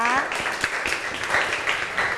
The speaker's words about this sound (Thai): ขอเสียงปรบมือให้กับกลุ่มที่2เราด้วยนั่นเองนะคะ